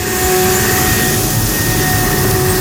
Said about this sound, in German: Die Laubbläser sind wieder da.